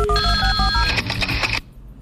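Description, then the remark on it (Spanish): A telephone rings loudly during a Candela 102.5 radio show segment, a bright electronic ringtone with rapid repeating tones over a low hum, cutting off abruptly near the end. “Leíto, le suena el teléfono.”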